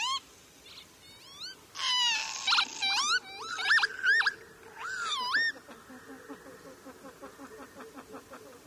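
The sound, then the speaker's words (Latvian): Northern lapwings call repeatedly in a loud burst of wheezy, rising and falling "pee-wit" cries, several birds overlapping, followed by quieter rapid ticking notes fading out. “Un arī pats vārds ķīvīt ir dzirdams viņas saucienā.”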